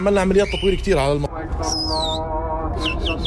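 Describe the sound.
A man's voice, then a loud, shrill whistle slides downward, followed by the start of another sharp whistle, over a steady low hum of background noise.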